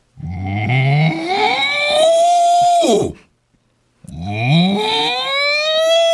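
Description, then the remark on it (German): Two long, loud vocal moos from a person imitating a cow, each rising and sliding in pitch, separated by a second of silence. “War das eine männliche Kuh oder eine weibliche Kuh?”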